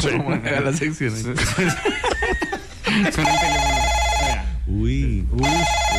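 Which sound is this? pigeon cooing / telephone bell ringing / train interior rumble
telephone bell ringing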